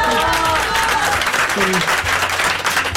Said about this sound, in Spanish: Fíjense qué bonito. Un aplauso, un aplauso.